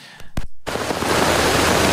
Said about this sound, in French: On annonce pluie et grêle à Font-Romeu. Et voilà donc des images de la grêle à Font-Romeu.